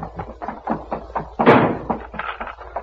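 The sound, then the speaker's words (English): A heavy door is slammed shut and barred, with one loud thud in the middle, surrounded by a rapid series of quieter knocks and clatters, like a bar being dropped into place. “Back to Voltan's quarters, Dale. We can bar the door and hold them off”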